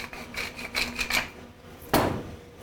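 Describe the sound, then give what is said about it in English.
A pepper mill grinding fresh black pepper in a quick run of four or five gritty, rasping twists, then a short pause and one louder scraping turn, with no one speaking. “But then I want to give it a little bit of pop with some fresh black pepper.”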